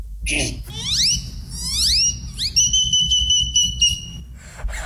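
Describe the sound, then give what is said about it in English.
A person whistles a great-tailed grackle imitation: a quick run of rising, swooping whistles that settle into a long, steady high-pitched tone, loud and clear over a low background rumble. “I saw this great-tailed grackle, then I mimicked the great-tailed grackle and mimicked other birds from then.”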